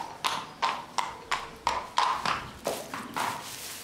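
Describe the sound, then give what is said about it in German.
Horse hooves clip-clop in a steady, even rhythm, about a dozen sharp hollow knocks with a ringing midrange tone, fairly loud and with no voices over them. “Kennen Sie sich aus mit Pferden?”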